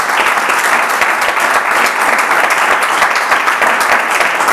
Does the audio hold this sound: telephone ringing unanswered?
no